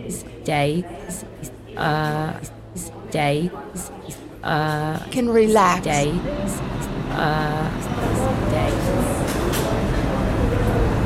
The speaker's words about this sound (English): There is an Uptown Local 1 train to Van Cortlandt Park, 242nd Street. Approaching the station, please stand away from the platform edge.